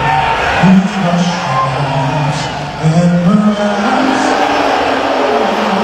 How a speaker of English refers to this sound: There were loud boos from the crowd when he was shown on the Jumbotron during the anthem at Madison Square Garden.